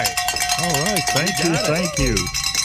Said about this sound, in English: We're coming down to the wire here, and we're getting the green light to ring some bells and celebrate, ladies and gentlemen. So we're going to do that.